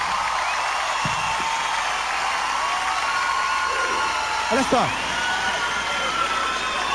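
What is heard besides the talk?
audience applauding and cheering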